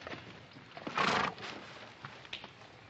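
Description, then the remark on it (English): A horse with a stone bruise on its left front foot lets out a short, loud whinny, followed by a few faint, scattered hoof thuds against a quiet outdoor background. “Oh, my horse lost a shoe ways back.”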